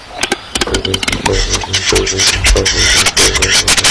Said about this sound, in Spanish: A ver, ¿qué es esto? Un urogallo, un urogallo cantábrico o un camachuelo común.